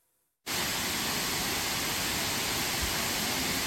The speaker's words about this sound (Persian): دره‌های کاپیسا سرسبز شدند، آب‌ها جاری‌اند و صدای خروشان رودخانه‌ها برای مردم افغانستان نشانی از سال نیکو و پرحاصل است.